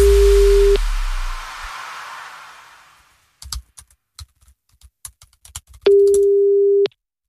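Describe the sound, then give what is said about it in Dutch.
A telephone ringback tone sounds twice, each a steady one-second beep several seconds apart, with soft tapping clicks in the gap between and nobody picking up. “Nee, hij neemt de telefoon niet op.”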